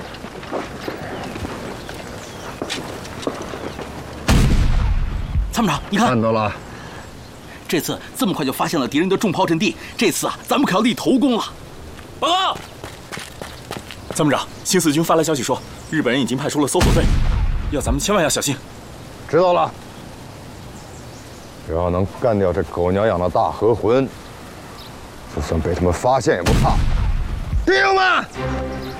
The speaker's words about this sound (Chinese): 参谋长，有炮声。 听到了， 炮对镜，快，炮对镜。